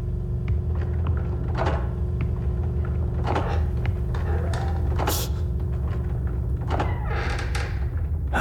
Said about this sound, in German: Aber leise. Klar doch. Und pass auf, die Dielen knarzen so.